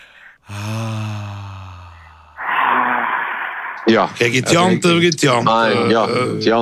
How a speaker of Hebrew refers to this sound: תעשה איתי רגע פיתוח קול לחמם את הגרון. כן, אבל עם יותר, עם יותר רגש, קצת רגש, כאילו, לעשות את זה עדין כזה מלמטה. בדיוק, כן, מה? בדיוק, עכשיו נשימות.